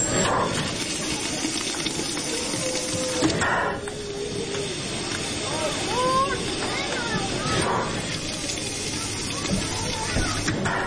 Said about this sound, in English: The steam-driven locomotive with coal burning in the firebox idles at the station, chuffing out gray smoke.